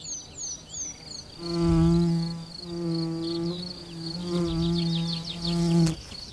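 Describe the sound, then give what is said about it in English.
A bee buzzes loudly around a flower in several long bursts, its droning hum rising and falling, while birds chirp faintly in the background. “Another flower and another kind of bee.”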